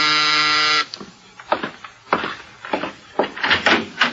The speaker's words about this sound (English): Now Mike is in his apartment when the door buzzer sounds.